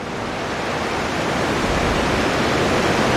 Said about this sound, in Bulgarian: Това зад мен е преливникът на язовир Александър Стамболийски. Както може да видите и в този час, стотици литри се изливат от тук.